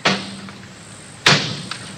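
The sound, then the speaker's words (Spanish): A door shuts twice with sharp impacts about a second apart, each followed by a brief rattling decay, with no voices present, as Clavela closes the door. “Clavela ha cerrado la puerta.”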